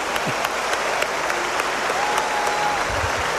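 audience applause

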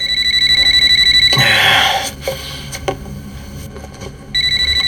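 telephone ringing

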